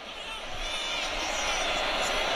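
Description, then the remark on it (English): A sold-out crowd at Acrisure Stadium cheers during a UNC football game in a dense, steady roar that fills the whole stretch, loud and continuous without any clear breaks or single voices standing out. “Hear the crowd here, a sold-out Acrisure Stadium.”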